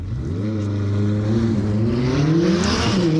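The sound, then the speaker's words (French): A McLaren 600LT Spider sports car engine revs hard under acceleration on a timed lap, its low harmonic drone climbing steadily in pitch with a loud, continuous roar and a rising whine on top. “Et je vais tenter de vous expliquer la 600 LT Spider de McLaren.”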